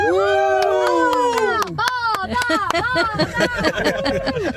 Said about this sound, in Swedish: Men kan vi inte jubla lite grann tillsammans så man hör att det här är en badbil på väg?